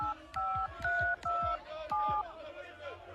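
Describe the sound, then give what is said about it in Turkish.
Four touch-tone beeps from a phone keypad as a number is dialed, each a steady dual-tone chirp in quick succession, clear over a low, rumbling background. “Bir de ben arayayım bakayım şunları.”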